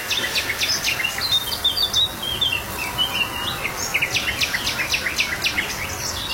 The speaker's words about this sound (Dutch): fietsen 's morgens vroeg het Kooibomenpad in Nationaal Park Werenbewiede en horen tuinfluiter, nachtegaal, zwartkop en spotvogel. Zit ook nog iemand te timmeren daar op de achtergrond.